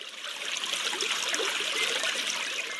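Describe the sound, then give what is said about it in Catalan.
Spring water trickles and gurgles steadily into a stream in the Gendar ravine, emerging where the water table lies above the ravine's stream; a continuous bright babbling with no pauses, moderately loud, with no voices present. “El que passa és que l'aigua simplement surt quan el nivell freàtic es troba més amunt que el torrent que passa per el barranc.”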